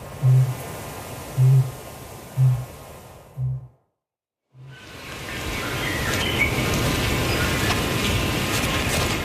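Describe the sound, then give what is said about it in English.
Ruru chicks chitter against a dense high-pitched bush backdrop while, from the island tops in the distance, a kakapo booms with deep, hollow low notes, five in a steady row about a second apart, before the chittering carries on alone. “Ruru chicks chitter away, while from the island tops in the distance, a kakapo is booming.”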